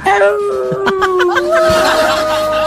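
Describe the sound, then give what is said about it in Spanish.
Long, sustained wolf howls with gliding pitch overlap one another, loud, with a few short yelping or chuckling bursts mixed in. “¡Llegan los lobos! ¡Llegan los lobos! Ahí están los lobos, los lobos.”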